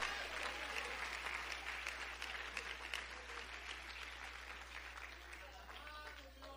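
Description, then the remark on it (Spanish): An audience applauds Christ steadily, dense overlapping claps at a fairly even level for several seconds, with scattered voices and cheers mixed in toward the end. “¡Aplaude a Cristo!”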